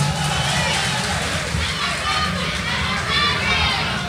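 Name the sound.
audience applause and cheering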